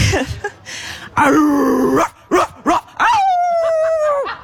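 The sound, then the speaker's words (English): A woman imitates a dog with her voice, giving a few short, rough barks and yips, then switches to a wolf, stretching into a long, steady howl that tapers off at the end. Loud. “To be clear, it's a dog, but when I said wolf, she transitioned into a wolf.”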